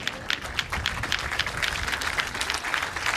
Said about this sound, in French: Rannick, on va lui demander de se lever. Lève-toi, Zombie, on l'applaudit bien bien fort. Zombie Rannick.